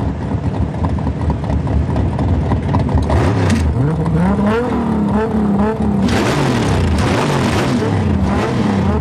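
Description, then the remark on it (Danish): Loud engines of big street-racing cars rev and roar up and down in pitch, sweeping through several rising accelerations, with a burst of brighter noise near the end like cars tearing away at speed. “Men i aften ved midnat kan publikum læne sig tilbage i sæderne og nyde en god gang gaderæs, motorbrøl og store biler.”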